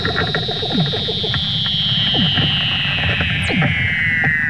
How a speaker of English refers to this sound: The Woods Hole Oceanographic Institution has newly released video of a mother Weddell seal teaching her pup to swim. It includes the otherworldly sound of their underwater calls.